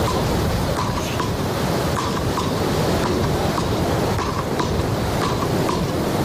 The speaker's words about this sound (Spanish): Algunos lo habrán reconocido, son las palas, uno de los deportes más practicados en las playas españolas durante décadas, pero a todo le toca el turno de actualizarse también a este juego.